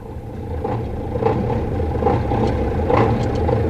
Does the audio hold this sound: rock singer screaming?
no